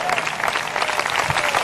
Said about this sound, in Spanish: Denle un fuerte aplauso al Cristo de la gloria.